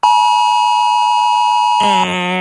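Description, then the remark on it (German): A loud, steady electronic emergency warning tone, as on the Warntag alert day in Baden-Württemberg, holds a single high pitch for nearly two seconds, then shifts into a harsher, buzzing multi-tone alert, with no one speaking. “Es klingt nach Alarm. Ja, ziemlich kalt, sehr sachlich. So ein Warnton, bei dem du halt wieder denkst”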